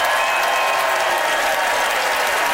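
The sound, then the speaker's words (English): An audience in London applauds steadily to vote in a debate about buying on Facebook Marketplace, a dense wash of many hands clapping at an even, fairly loud level throughout with no voices rising above it. “By applause, how many of you agree with Graham that using Facebook Marketplace will leave you in excellent condition?”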